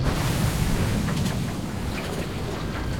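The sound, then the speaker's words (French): Sea waves crash outside in a steady, deep roar of churning water, rumbling low and loud throughout with a slight easing after the first second and no voices. “Et j'eus l'impression, en prononçant ce mot, que les vagues dehors claquaient un peu plus fort.”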